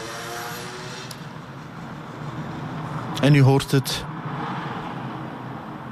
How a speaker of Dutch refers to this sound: Het verkeer, het stadsleven van tienen gaat hier, zoals dat op vele plaatsen het geval is, gewoon voorbij.